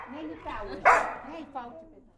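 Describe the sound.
A dog barks once sharply and loudly near the middle, with a softer yelp after it, while a person talks over the sound.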